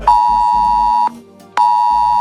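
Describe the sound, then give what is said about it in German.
A loud, steady electronic warning tone sounds in two long pulses with a short gap between them: a Cell Broadcast emergency alert tone sent directly to mobile phones without a special app, with no voices over it. “Außerdem gibt's einen Warnton. So zum Beispiel hört sich das dann an.”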